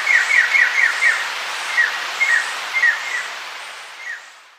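A scarlet jay's bright, rapid trill of repeated whistled notes, a quick run at the start followed by scattered shorter phrases, fairly clear over a soft background hiss and fading toward the end; a recording from the Colombian Bird Sound Bank.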